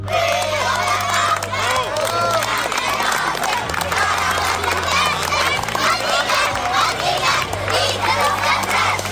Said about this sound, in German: Fürjo, der Bach brennt, das singen morgen am Bachfischen die hunderte Kinder, die mit farbigen Laternen durch die Aarauer Altstadt ziehen.